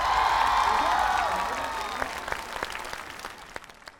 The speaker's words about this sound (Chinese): 来，掌声